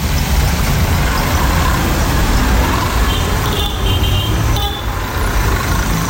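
Dense, loud street traffic with mopeds and auto-rickshaws rumbling past close by, engines droning continuously and a brief horn toot cutting through near the end.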